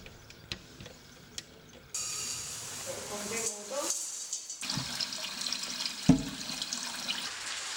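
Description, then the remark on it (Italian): Cold tap water pours steadily into a pot to soak fava beans, a rushing, splashing stream that starts abruptly after a quiet moment, with a brief metallic clink partway through. “Si mettono a bagno nell'acqua fredda e si portano ad ebollizione, per poi farle riposare per una notte.”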